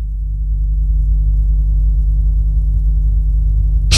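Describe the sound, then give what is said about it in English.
A deep, continuous rumble of thunder rolls throughout, loud and steady with a heavy low drone, then swells into a brief burst of broader noise at the very end. No voices. “Thunder.”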